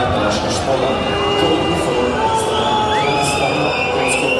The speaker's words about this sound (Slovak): Domáci priaznivci vytvorili na 12-tisícovom štadióne z Dežele pekelnú atmosféru, ale už v 18. minúte pískali na svojho krajana Andraža Šporara.